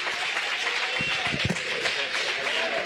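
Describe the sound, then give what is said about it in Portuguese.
A church audience claps steadily to welcome a pastor, a dense wash of overlapping hand claps with some louder individual claps standing out, while voices murmur and cheer underneath. “Nós vamos receber o homem de Deus com a linda salva de palmas para o Senhor.”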